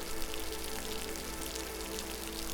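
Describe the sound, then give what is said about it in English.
Steady rain sound effect, a dense, even hiss of falling drops with a low hum underneath, continuous and unbroken, with no voices. “So we'll just hang around and exist in the fake rain.”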